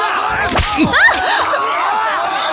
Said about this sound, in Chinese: 凭这根鞭子。